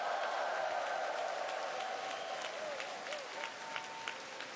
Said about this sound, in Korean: 네, 힘찬 무대를 보여준 우리 어린이 합창단에 다시 한번 큰 박수 부탁드리겠습니다.